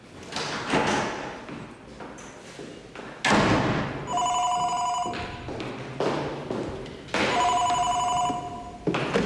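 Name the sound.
telephone ringing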